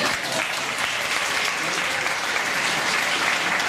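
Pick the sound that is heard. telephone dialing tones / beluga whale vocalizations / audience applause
audience applause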